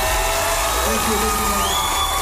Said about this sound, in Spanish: Sí, quiero que aprovechamos y le damos un fuerte aplauso, sí, a mi músico.